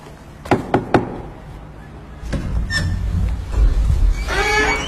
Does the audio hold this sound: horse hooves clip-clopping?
no